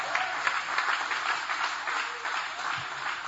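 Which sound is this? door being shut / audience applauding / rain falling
audience applauding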